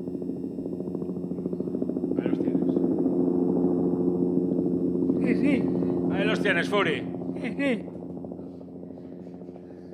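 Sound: helicopter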